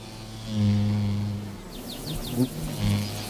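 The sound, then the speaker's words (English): A steady buzzing of mining bees at pussy willow catkins hums in low, droning tones, swelling and fading twice as the insects move near and away, with faint chirping in the background. “Mining bees carry some back to their underground nests to ensure their larvae have an instant meal when they hatch.”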